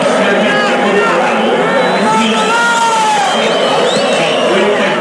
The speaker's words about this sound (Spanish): No entendí nada, ¿eh? Justo alguien se puso a gritar.